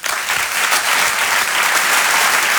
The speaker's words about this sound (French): Je vous demande de l'applaudir très chaleureusement lui aussi.